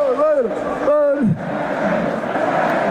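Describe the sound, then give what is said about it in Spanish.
Deportivo football supporters celebrating promotion chant in a town square: two loud sung phrases, "Vamos a ascender" (we're going up), with rising and falling pitch, then a sustained roar of many voices continues underneath. “Le ha puesto a cantar a la plaza. Vamos a ascender, dicen.”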